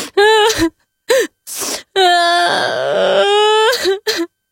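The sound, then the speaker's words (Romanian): A voice imitates sobbing and wailing: short choked cries, then a long, loud, quavering wail that dips in the middle, followed by a few more breathy sobs. “Când ajunse acasă, se trâmti pe o frunză și începu să plângă de ți se rupea sufletul ascultându-l.”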